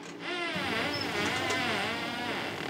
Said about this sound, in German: Can you hear that? Kannst du das hören? Das sind die Echoortungsklicks. Die sind wie ein langer Ton für uns.